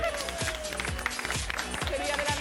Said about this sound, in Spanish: ¡Un aplauso para el mago!